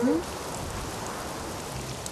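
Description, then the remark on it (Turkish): A steady wash of heavy rain hisses without a break during a storm, with a dull rumble of strong wind underneath. A brief voice-like tone sounds at the very start. “Şiddetli rüzgar ve yağmur bu sesleri çıkarıyor.”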